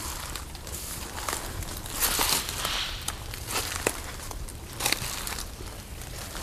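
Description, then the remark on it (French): Footsteps crunch through dry dead leaves and plants in vegetation, a steady series of crackling, rustling steps with sharper snaps now and then, and no voices. “De feuilles mortes, de plantes,”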